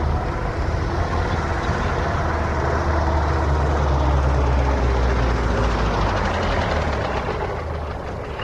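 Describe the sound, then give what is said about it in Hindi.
A car engine rumbles steadily, with low droning road noise, then eases off slightly at the end as the car slows to a stop in Rudrapur, now called Udhampur Nagar. No one speaks. “अच्छा जरा सुनिए, गाड़ी रोकिए।”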